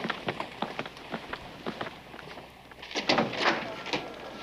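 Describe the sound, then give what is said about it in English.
A door opens with a brief scraping rush near the end as someone enters a room, preceded by a quick run of light, evenly spaced footsteps, with no one speaking. “Usually people knock before they come into a room.”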